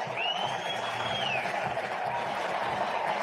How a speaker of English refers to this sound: It's a base hit. It's rolling toward the corner. Ramirez around third. He's going to try to score. He will. Pete Crow Armstrong goes to third. Listen to this crowd.